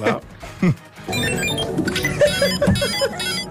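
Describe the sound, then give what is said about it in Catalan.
A brief spoken moment gives way to a bright electronic alert from a redesigned microwave oven, whose new design changes the sound without adding any new parts: a busy, repeating pattern of high synthetic beeps and warbling tones that carries on steadily for a few seconds. “O sigui, com sonaran els microones a partir d'ara?”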